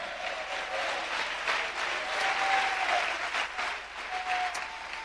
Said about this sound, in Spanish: Dele fuerte ese aplauso a Cristo en esta hora.